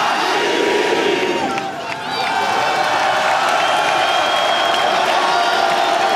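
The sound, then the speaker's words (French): A large crowd roars and cheers steadily, with scattered whoops and shouts over a dense wash of noise, as number 2, Achraf, the 2025 African Ballon d'Or winner, is introduced; the loud din barely dips for a moment before swelling again. “Nous allons maintenant, et vous allez pouvoir applaudir, celui qui est Ballon d'Or africain de l'année 2025.”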